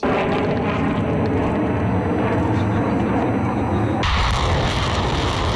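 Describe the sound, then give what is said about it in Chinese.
A dense, steady, loud roar of a drone swarm taking off and flying overhead during a joint land-air live-fire strategic exercise by troops from eight countries including China, Russia and Belarus, with a thin high whine; the texture shifts abruptly near the end and continues unbroken. “随着陆空实兵联合演练正式展开，空地火力率先对敌实施远程打击，无人机蜂群也迅速升空，对敌前沿目标展开多批次空中抵近侦察，为地面战斗群精准提供目标信息。”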